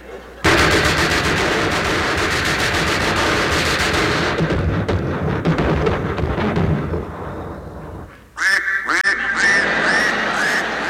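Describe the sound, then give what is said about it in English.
A loud, dense barrage of machine-gun fire and 40-millimeter cannon blasts aimed at a duck in a duck hunt rattles on for several seconds, then breaks off and gives way to the duck's harsh, repeated quacking. “They throw the whole works at that duck.”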